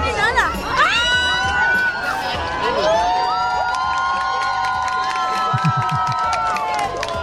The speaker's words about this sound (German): Selbst die Bar und die Restaurantbetreiber haben die Musik ausgemacht und runtergedreht, bis dann um Punkt 20.31 Uhr die totale Sonnenfinsternis erreicht wurde und Jubel ausbrach. Hören Sie mal.